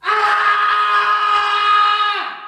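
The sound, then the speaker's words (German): A man lets out a single loud, sustained scream at night, lasting a couple of seconds, holding a steady strained pitch before it breaks and drops off at the end, with no talking. “schreit in der Nacht.”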